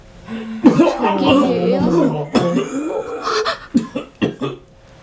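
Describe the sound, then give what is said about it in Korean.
A voice performs the harsh, strained coughing of a man coughing up blood and collapsing: a long choking, gagging stretch followed by several sharp, uneven cough bursts, fairly loud, with no other sounds around it. “그리고 맨 앞에 선 남자까지 모두 피를 토하며 심하게 기침을 했고 자리에 주저앉았다.”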